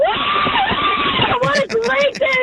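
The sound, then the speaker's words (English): A caller who has just won Warped Tour tickets on DC 101's Thursday Ticket Takeover screams excitedly over a tinny, narrow phone line, a loud, high, sustained shriek lasting over a second before a clearer studio voice starts talking. “I like this theme today where everyone that wins Warped Tour tickets on Thursday Ticket Takeover is screaming.”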